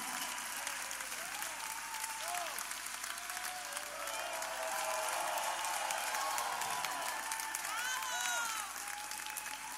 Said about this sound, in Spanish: Muchas gracias, el aplauso.